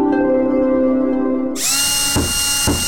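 A power drill whirs steadily at a mid pitch, then shifts into a higher, harsher whine partway through, with two brief bursts of grinding as it bites in. Loud and continuous, no talking.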